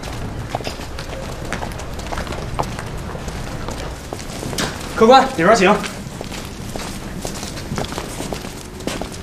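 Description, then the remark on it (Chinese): Donkey hooves clip-clop in a steady walking rhythm across the whole stretch, while a voice briefly speaks over them partway through. “行， 带路。看好驴啊！”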